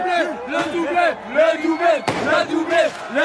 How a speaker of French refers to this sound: Entendez le chant des supporters de cette petite rue Raymond Losserand dans le 14e arrondissement. On est comme au stade.